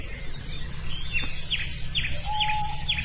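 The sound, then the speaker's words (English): An owl gives a steady, drawn-out hoot near the end, under a small songbird's repeated, trickling descending phrases in the background. “I do know that's an owl.”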